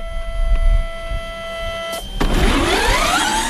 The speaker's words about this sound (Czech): Takové je závodní auto studentské formule.